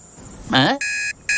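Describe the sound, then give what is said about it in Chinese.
An alarm clock rings with two long, steady, loud electronic beeps separated by a short gap, just after a brief voiced groan. “我的闹钟呢？”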